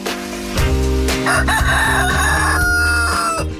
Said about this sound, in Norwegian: Ja, hanen oppe.